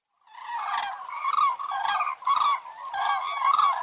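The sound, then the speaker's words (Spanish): A flock of 15 cranes flies overhead in V formation above the Kasakh River gorge by Saghmosavank monastery in Armenia, calling in a continuous chorus of loud, rolling trumpeting, bugle-like notes overlapping in repeated bursts with no voices. “Estaba admirando sus viejas piedras cuando de repente aparecieron trompeteando en el cielo estas queridas amigas.”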